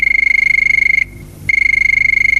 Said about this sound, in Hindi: तो चलिए शुरू करते हैं बातों का सिलसिला, और ये बजी टेलीफोन की घंटी। चलिए देखते हैं ये पहला कॉल किसका है।